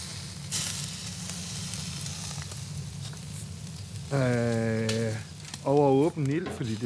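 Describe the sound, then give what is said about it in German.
Local food (fjord salmon, pointed cabbage with wild garlic and Lüwö beef) sizzles and crackles steadily over an open fire in Denmark, a continuous hiss throughout, with a couple of brief voiced sounds rising above it near the end. “Auf das Feuer kommen heute ausschließlich lokale Zutaten.”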